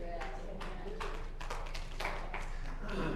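A handful of scattered hand claps, sharp and irregularly spaced, ringing out one after another over a steady low hum for about three seconds.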